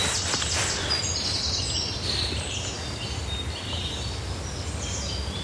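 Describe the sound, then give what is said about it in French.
Small songbirds, a great tit and a chaffinch, sing faint, scattered high phrases over a steady low outdoor rumble, with no one talking. “Alors ça, c'est la maison charbonnière, on la voit bien. Et puis il y a le pinson qui est là.”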